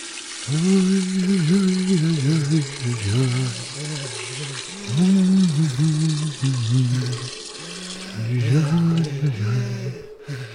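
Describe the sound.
Water runs steadily from a tap into a container with a continuous hiss that cuts off near the end, while a voice makes drawn-out, wordless wailing sounds over it.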